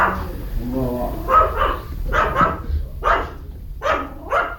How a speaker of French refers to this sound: Accueilli par les aboiements d'un chien.